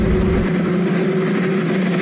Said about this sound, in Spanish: Sin un cámara de televisión presente, solo se escuchaba el ruido del helicóptero de fondo mientras Trump hablaba con algunos periodistas en el jardín de la Casa Blanca.